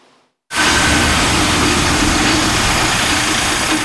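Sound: car engines idling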